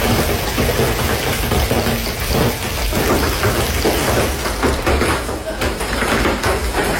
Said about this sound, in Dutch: Ja, het was echt noodweer met zware hagelbuien, onweer en regen. Met name in het zuiden van België ging het flink tekeer,